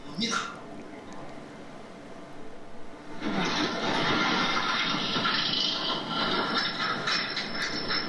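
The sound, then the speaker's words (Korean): A simulated mine train ride in a video experience hall starts off: after a few quieter seconds with indistinct voices, a loud, steady rattling rumble kicks in and keeps roaring until the end. “자, 그럼 긴장하지 마시고 오늘도 무사히 그럼 우리 열차가 출발합니다.”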